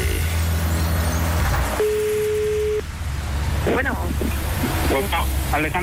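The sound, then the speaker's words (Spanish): Steady road traffic rumbles and hisses through a phone line as a man driving a car in heavy traffic speaks briefly over the noise, with a short beep tone partway through. “Circulando aquí por la cuenta que le regué un carro. O sea, si se da cuenta, sí. Hay bastante tráfico ahorita.”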